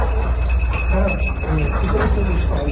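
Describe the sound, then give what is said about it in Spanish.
Small bells on the collars of search-and-rescue dogs jingle and tinkle continuously as the dogs search rubble for survivors in La Guaira, Venezuela, over a busy, rumbling outdoor background with faint activity or voices mixed in; the ringing stays steady throughout. “Son las campanillas de los perros que rastrean entre escombros para hallar supervivientes.”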